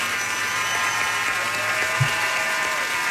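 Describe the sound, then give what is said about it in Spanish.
Steady applause from a crowd, a dense wash of many hands clapping at once that holds at an even level throughout without pauses or voices rising above it. “Aplauso, señor.”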